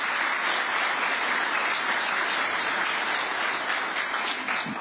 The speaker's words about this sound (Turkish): Ve yine programımıza katılım sağlayan Türk devletlerimizin kıymetli diplomatik temsilcileri ve yine Türk devletlerinden bu programa iştirak eden sivil toplum kuruluşlarımıza sizlerden şöyle bir alkış rica ediyorum.